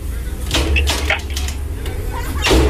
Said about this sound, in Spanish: ¿Quién toca la puerta?